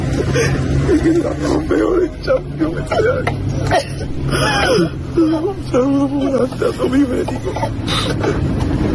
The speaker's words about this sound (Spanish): Roto absolutamente, …, con esas lágrimas y llorando, vamos, desconsoladamente el chaval.